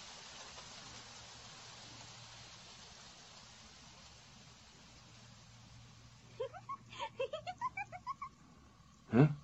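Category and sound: nature, rain falling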